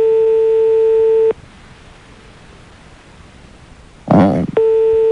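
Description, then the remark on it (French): A steady electronic ringback tone on a phone line, heard while a colleague places a call to the listener, sounds for about a second, goes silent over faint line hiss, then starts again after a short crackly burst of noise. “Vous entendez la sonnerie ?”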